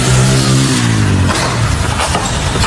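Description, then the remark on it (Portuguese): A motorcycle engine revs loudly on a street, its droning pitch sliding downward before giving way to a rough, roaring rush of noise as it passes. “Olha o tamanho do porco e veio a moto.”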